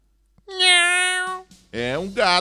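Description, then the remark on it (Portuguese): A cat stuck in a tree meows twice: first a long, steady, loud meow, then after a short pause a second, wavering meow that rises and falls in pitch. “É um gato, rapaz, não sou eu não, viu?”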